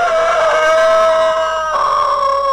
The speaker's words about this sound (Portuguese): Ô, seu Acilo, olha como o galo topete tá cantando bonito. É porque ele tá bem tratado, rapaz.